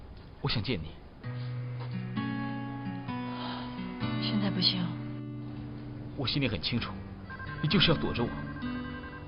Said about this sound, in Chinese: 主人，那家伙要来电话了。